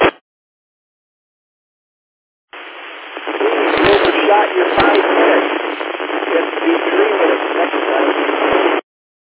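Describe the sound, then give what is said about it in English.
Radio static hisses steadily for several seconds after a short blip, with a faint, barely intelligible voice buried in the noise and a few sharp crackles breaking through. “I heard somebody coming through, but there was a whole lot more static than I could pull out.”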